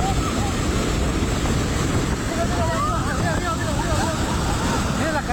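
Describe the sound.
A powerful, unbroken roar of a raging flooded river as it sweeps away a bridge on the road linking Cubará and Saravena, dense and loud throughout, with faint voices crying out over the rushing water midway through.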